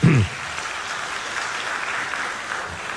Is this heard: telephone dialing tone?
no